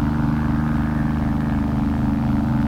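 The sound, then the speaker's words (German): A steady, low engine rumble from car traffic on the Veteranenstraße, a city street, droning evenly without clear pass-bys, moderately loud, with no voices. “Der Wind im Laub. Die Autos auf der Veteranen.”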